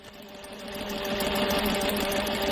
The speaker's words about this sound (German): Frauen in hellrosa Kitteln und grünen Hauben beugen sich über ihre Stoffstücke. Ihre klobigen industriellen Nähmaschinen rattern in diesem Arbeitsraum im Frauengefängnis von Tochigi. Sonst erklingt kein Wort.